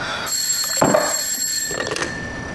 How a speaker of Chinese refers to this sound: 快接电话， 啊， 快啊！